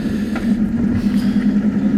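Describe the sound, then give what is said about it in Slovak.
An old ambulance's engine runs with a steady, loud low drone and a constant humming tone, rumbling on without a break for the whole two seconds, with no voices. “Ako starcovi, ktorý leží v starej sanitke s mladou sadrou na nohe. Dúfam, že sa táto kára nerozpadne, kým prídeme domov.”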